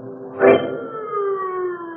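A wailing siren holds a steady, slowly falling tone after a brief louder burst near the start, sounding continuously, with no voices.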